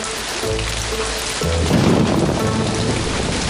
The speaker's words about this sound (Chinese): 好端端的，居然下起雨了。